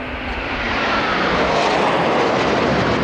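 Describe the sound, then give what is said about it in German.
A loud, continuous roar of two Eurofighter jets thundering low over Schloss Schleißheim at 11:38 under a blue-and-white sky, a broad rushing engine noise that stays steady and intense for the whole few seconds with no voices. “Um genau 11.38 Uhr donnern zwei Eurofighter im Tiefflug über Schloss Schleißheim.”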